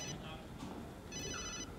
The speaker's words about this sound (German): Wollen Sie nicht an Ihr Handy gehen?